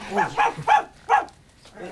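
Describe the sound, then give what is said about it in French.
Milou, Tintin's dog, frightened by Raskar Kapak, gives four quick, yelping barks in a nervous burst, fairly loud, then falls quiet except for a faint sound near the end. “C'est notre ami Raskar Kapak qui a effrayé votre chien.”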